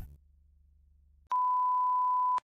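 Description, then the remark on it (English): A single steady, mid-pitched electronic radio alert beep tone sounds loudly for about a second, following a low rumbling hum with no speech. “This is a radio alert.”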